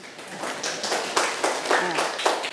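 A class of children clapping their hands together for a classmate, a fairly loud, dense burst of uneven claps lasting a couple of seconds, with faint voices mixed in.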